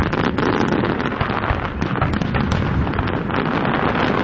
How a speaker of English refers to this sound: And after a rainy start in the morning, the evening was very nice for the annual Ford fireworks over the Detroit River.